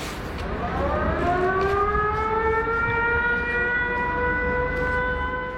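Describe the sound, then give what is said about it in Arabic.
An air raid siren in Ukraine, warning of a Russian attack, winds up in a steady rising wail, then holds a long sustained tone with layered harmonics over a low rumbling background, with no voices. “بين إنذار وآخر يعيش الأوكرانيون، تتوقف الحياة ويهرع الجميع إما إلى الملاجئ أو المناطق المفتوحة.”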